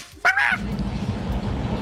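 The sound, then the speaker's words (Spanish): A person imitates a dog bark with a single loud, nasal, honking "woof" that lasts about a quarter second. A low, steady rumble continues underneath afterward. “Yo mando puro guaf.”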